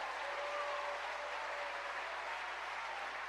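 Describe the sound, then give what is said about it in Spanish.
An audience applauds in a steady, dense wash of clapping that holds an even level throughout, with no voices rising above it. “¿Cuánto le dan un aplauso a la obra del Espíritu Santo?”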